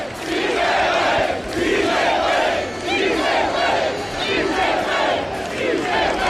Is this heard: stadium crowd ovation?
yes